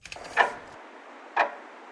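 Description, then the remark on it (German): A clock ticks twice, a crisp tick about a second apart, with nothing else in the background but a faint hiss. “Die Uhr tickt langsam runter.”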